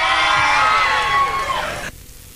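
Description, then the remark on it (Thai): A crowd claps in a dense, steady burst with cheers and whoops mixed in, holding loud for nearly two seconds before cutting off abruptly, leaving faint noise. “ใครปรบมือดังๆขอให้ร่ำขอให้รวยครับผมใครปรบมือดังๆขอให้ถูกหวยงวดนี้กันละกันนะครับ”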